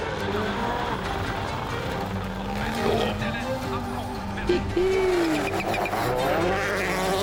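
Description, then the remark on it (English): A rally car driven by Calle Rovanperä roars at high revs, its pitch climbing and dropping as it shifts gears, with gritty road noise underneath and a man's voice talking over the din. “Calle just running the car right the way out to carry as much speed as he can.”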